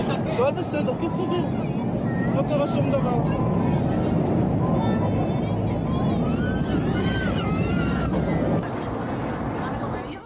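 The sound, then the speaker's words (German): A loud, unbroken roar of a flydubai passenger plane on a flight from Dubai to Tel Aviv rapidly losing altitude in a steep descent, heard from inside the cabin, with many passengers screaming and shouting over the engine noise throughout. “Man hört schreiende Passagiere und die Geräusche des Flugzeugs, das rapide an Höhe verliert.”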